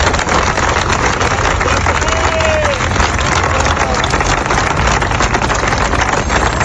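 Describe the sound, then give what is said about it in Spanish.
A large crowd gathered at midday in the Plaza de San Antón, Badajoz, for the inauguration of a monument, applauds Father Rafael at the request of Archbishop Fray José: a dense, steady wash of clapping that stays loud and unbroken for the whole stretch, with a brief faint whistle rising out of it. “Es el aplauso al padre Rafael que han brindado a petición del arzobispo Fray José los congregados este mediodía en la plaza de San Antón de Badajoz para asistir a la inauguración del monumento dedicado a esta figura tan querida en la ciudad.”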